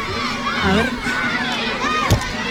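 A crowd of children shouts and cheers excitedly as they welcome the arriving festival giants, the Gigantes del Castellejo. Their high voices overlap in a steady, loud din with rising and falling squeals and one sharp thump near the end.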